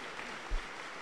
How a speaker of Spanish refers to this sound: Vamos a recibirlas con fuerte aplauso para el Señor Jesús.